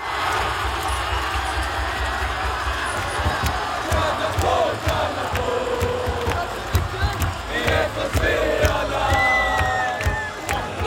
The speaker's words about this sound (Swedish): Tusentals jublade vid studenternas i Uppsala i natt när Sverige gick vidare i fotbolls-VM och så här lät det.